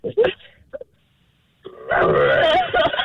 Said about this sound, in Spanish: Estaba tosiendo. Es un perro con COVID. Una flema ahí.